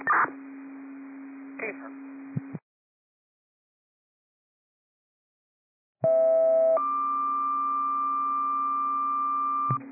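Steady electronic radio test tones sent over a dispatch channel to unit 139, with static: a low hum runs under crackly bursts, then breaks off into silence. A loud tone returns and jumps to a higher, sustained pitch.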